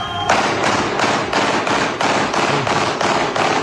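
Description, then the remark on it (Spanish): A rapid, steady string of about ten loud, sharp bangs from fireworks in the commune of Quilicura, popping close together with little pause and no voices; the fireworks were followed by gunshots. “Esos son fuegos artificiales, acompañados luego de disparos.”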